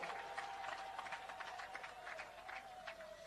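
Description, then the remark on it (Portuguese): A crowd at a rally applauds the pastor with dense, steady clapping that keeps up for several seconds, and a thin sustained tone hums faintly underneath the whole time. No voices are heard. “E quero pedir uma grande salva de palmas para o nosso pastor.”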